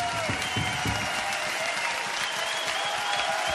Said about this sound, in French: C'est bien, vous vous applaudissez vous-même. Très bien.